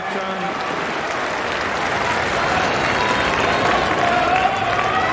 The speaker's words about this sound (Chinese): 佩雷里巴也是在鼓掌，给郑钦文的加油啊！